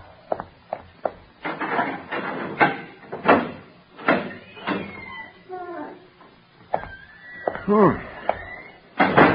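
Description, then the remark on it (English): A door is opened with a few sharp wooden knocks and clicks while people talk over it. “Open the door and let me in.”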